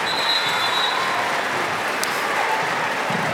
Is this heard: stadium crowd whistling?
yes